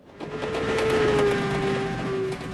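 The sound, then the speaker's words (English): A steady rumble of a train moving along the rails, carrying people moved by the military to a camp in Arizona, with a sustained tonal whine drifting slightly in pitch, fairly loud and continuous with no voices. “So there we were, on a train to some place we never knew.”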